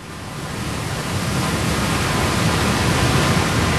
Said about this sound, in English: I do not want to fall down into that waterfall.